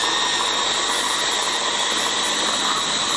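A hand blender grinds cooked vegetables for a recipe with a loud, steady motorized whir that holds an even, dense roar for the whole few seconds, with no voices over it.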